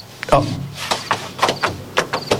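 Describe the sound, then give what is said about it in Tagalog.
A drawer in a bedroom slides open and shut as clothes are put into it, with a series of short scraping, rattling bumps spread over a couple of seconds as items shift inside. “Ari na, ibutang ko ini sa drawer.”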